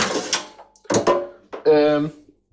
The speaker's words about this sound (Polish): Słyszycie, właśnie wyjąłem szufladę.